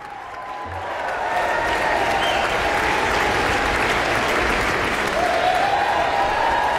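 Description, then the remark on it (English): A large audience at an Aspen Festival Orchestra concert applauds steadily and loudly after a performance of Mahler's First Symphony, a dense wash of clapping swelling after the first second, with several shrill whistles cutting through the ovation. “Lots of whistling as well as applause in this very enthusiastic audience.”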